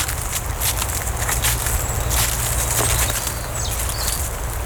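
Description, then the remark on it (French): Footsteps crunch through a carpet of dry leaves in the Estérel massif in a steady walking rhythm, each step a crisp rustling burst over a low, constant rumble, with a faint high chirp near the end. “tapis de feuilles.”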